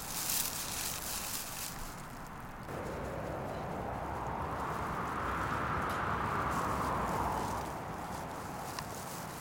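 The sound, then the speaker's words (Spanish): Leaves rustle steadily in the wind, a dense, crackling hiss that swells into a stronger gust midway through and then eases back. No one speaks. “¿Oyes? Las hojas y el viento están de acuerdo conmigo.”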